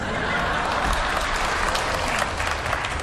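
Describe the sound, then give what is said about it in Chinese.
A crowd claps steadily, dense and fairly loud, with no clear individual claps standing out, the applause holding at an even level throughout. “哎，你看看，这鼓掌都是你爸爸。”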